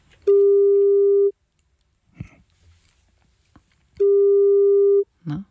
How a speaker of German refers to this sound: Wir haben hier eine Telefonnummer von jemandem und da rufen wir jetzt mal an, gucken, ob er oder sie rangeht.